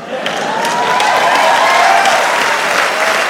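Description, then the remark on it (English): A crowd claps steadily for a few seconds, a dense, even wash of applause that stays fairly loud from start to finish, with faint cheering threaded through it. “You hear that? That's not enough support.”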